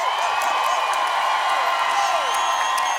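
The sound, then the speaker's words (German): A crowd applauds and cheers steadily for a few seconds, dense clapping mixed with whoops and high shouts, loud and sustained throughout. “Kann ich bitte einen riesengroßen Applaus haben”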